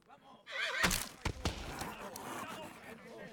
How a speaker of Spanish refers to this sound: Un caballo muy rebelde, señor. Es un pura sangre, coronel.